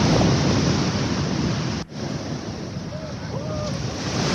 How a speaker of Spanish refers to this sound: Esto en Lipimávida, en la zona cercana de Vichuquén, hacia la costa, digamos. Impresionante. Como se escucha el sonido del mar.